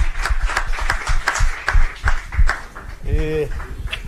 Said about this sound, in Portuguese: Palmas!